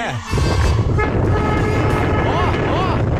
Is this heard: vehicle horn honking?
yes